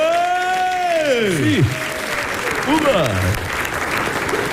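Sustained audience applause in Idrija, a dense steady clatter of clapping throughout, with a loud whooping cheer sliding downward in pitch early on and another shorter whoop midway.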